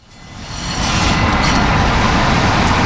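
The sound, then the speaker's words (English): A subway train on the T, the Greater Boston train network and America's oldest subway, roars by, its heavy rumble and rushing noise swelling over the first second and then holding loud and steady. No one speaks. “Stefano took me out to see his real-life favourite trains. On the T, yes.”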